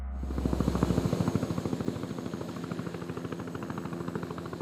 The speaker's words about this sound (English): Not far from here, this military base has become the nerve center of the search and rescue operation. Helicopters landing and taking off every few minutes, bringing back the stranded and the dead.